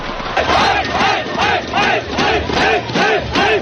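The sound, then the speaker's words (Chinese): A large crowd of basketball fans at a Guangdong provincial league (Yue BA) game between Guangzhou and Yunfu chants loudly in unison, voices rising in steady rhythmic bursts about twice a second, with a constant roar underneath. “这场在广州队和云浮队之间的比赛，在开赛前一个多小时就已经有很多球迷入场，观众热情高涨。”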